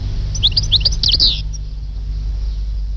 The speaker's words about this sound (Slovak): Lebo na Slovensku ich je len okolo 40 až 50 párikov a blízko našej dediny práve hniezdi jeden párik. Stehlík, náš operený krásavec.